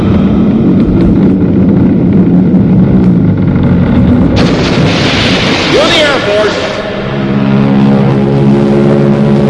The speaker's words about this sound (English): Then the Royal Canadian Air Force will fly overhead towing a 10-ton maraschino cherry, which will be dropped into the whipped cream for the cheering of 25,000 extras.